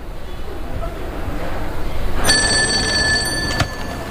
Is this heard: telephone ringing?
yes